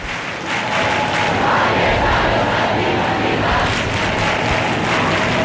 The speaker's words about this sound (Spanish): Incidente, esto hay que reseñarlo, está desplegado ese cordón, están esos agentes de policía, pero no hay ningún incidente, solo gente cantando, tocando las palmas y levantando los brazos.